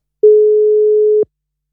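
A single steady telephone tone sounds for about a second as a radio host calls a listener back, clear, starting and stopping abruptly like a ringback beep on an outgoing call, with silence around it.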